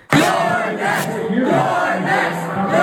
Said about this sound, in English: I think it was a serious question, considering there was a crowd of people chanting for his removal at an election watch party in New York when he came up on screen.